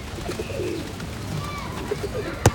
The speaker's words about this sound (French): Il regarde les pigeons.